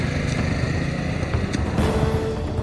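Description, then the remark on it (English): A small moped engine drones steadily, a rough continuous motor hum with slight shifts in pitch and no voices over it, as its rider flees on it through fields. “Binney got on his moped and fled through the fields.”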